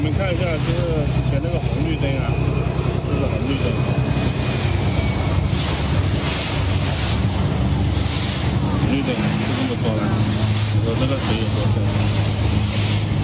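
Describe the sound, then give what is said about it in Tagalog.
Deep floodwater as high as the traffic lights churns and rushes steadily through a city street in Guangxi or Zhejiang Province, China, after Typhoon Maysak, with a constant low rumble like an engine beneath it and muffled voices calling now and then. Recorded by a rescue worker. “Sa video ito ng isang rescue worker, kalibil na ng traffic light sa kalsada ang taas ng tubig.”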